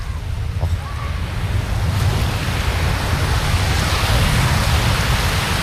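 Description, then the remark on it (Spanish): Steady roar of ocean surf washing onto a beach, a broad continuous rush that swells slightly louder after the first couple of seconds, with no voices over it. “Yo os voy a dejar con ese sonido maravilloso para que disfrutéis. Venga, va, por favor, sí. Os quiero, desde la playa también, desde todas partes.”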